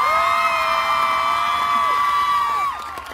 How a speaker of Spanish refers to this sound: ¡Fuerte el aplauso, por favor, una vez más!